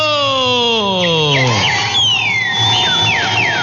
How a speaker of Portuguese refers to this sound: Olha ele cantando aí. Ó, o passarinho de hoje, todo mundo acertou. É o famosíssimo... É o Trinca-Ferro, o passarinho de hoje.